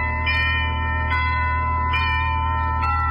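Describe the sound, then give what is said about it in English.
A doorbell at a house in Santa Monica chimes about four times at a steady pace as fog closes in, each strike blending into sustained, humming bell tones that hang in the air without fading. No voices. “Fog was closing in over the house when I rang the bell.”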